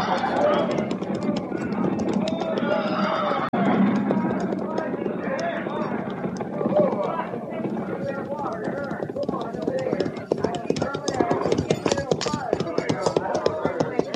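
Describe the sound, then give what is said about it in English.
Many hooves clatter in a dense, uneven clip-clop that grows choppier and more scattered as the horses slow to a halt at a creek, with voices calling out "Whoa" over the trampling. “Whoa now! Whoa! Slow it down back there! We're stopping a spell!”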